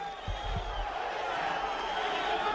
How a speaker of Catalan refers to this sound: Continuen les esbroncades.